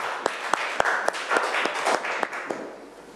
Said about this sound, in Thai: เก่งมากปรบมือให้กลุ่มนี้ครั้งค่ะ